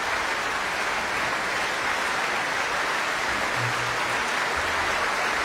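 A concert audience applauds a large orchestra and English conductor Duncan Ward steadily throughout, a dense, even wash of clapping from many hands, with no voices standing out.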